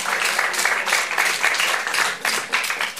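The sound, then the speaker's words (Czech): An audience applauds steadily in approval of a film being discussed, a dense wash of many hands clapping at once, fairly loud and sustained with slight swells throughout, and no voices on top. “No ne, nejsi sama, potlesk to stvrzuje.”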